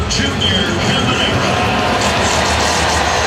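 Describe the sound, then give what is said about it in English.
A baseball stadium crowd gives a sustained ovation as Junior Caminero steps in to bat, a steady, loud wash of cheering and applause that holds at an even level for the full few seconds. “Crowd giving a nice ovation in pregame warm-ups and right now as well as he steps in, becoming the first Ray ever to have two 40-homer seasons.”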